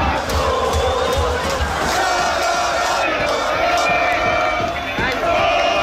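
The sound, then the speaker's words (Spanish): A dense street crowd at the Puerta de Jerez in Seville, Spain, roars and shouts continuously at night, celebrating a Spanish national football team victory, with overlapping cheers, whoops and chanting voices forming a loud, steady wall of sound throughout. “Sonidos de la Puerta de Jerez en Sevilla que se han repetido en toda la comunidad, que desde ya presume de contar con tres andaluces que han logrado la segunda estrella para la selección española.”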